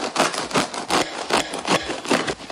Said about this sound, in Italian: Sembra che stanno tagliando il pane. Stanno tagliando il pane, sì, è quello